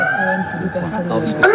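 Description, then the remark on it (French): A campsite alarm siren at the Camping de la Boulinière in Saint-Georges on the Île d'Oléron, Charente-Maritime, France, sounds during a safety check test, a steady high-pitched wail that edges slightly upward toward the end, with a person talking over it throughout. “Vérifier l'alarme du camping et apparemment...”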